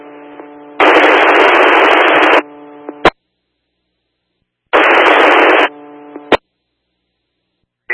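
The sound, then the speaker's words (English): Two loud bursts of harsh radio static ride over a steady low electrical hum, each ending in a sharp click before the line drops into silence. No one speaks. “We'll try to collect the mother, and then I copied a bunch of static to get further.”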